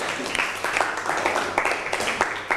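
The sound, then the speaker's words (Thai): A group of students in a classroom applauds a classmate together, a dense, steady patter of many hands clapping at a moderate level for a couple of seconds, with faint voices mixed in. “เอาปรบมือให้กับเพื่อนหน่อยครับ”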